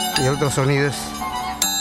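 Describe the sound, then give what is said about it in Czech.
Sharp metallic clinks of Peruvian scissors dance clappers, two separate rods that look like scissors, one representing the male and one the female principle and each sounding slightly different, strike a few times, bright and ringing, over a wavering, voice-like melodic line that carries on between the strikes. “V podstatě to jenom vypadá jako nůžky. Ve skutečnosti jsou to takové dva kolíky.”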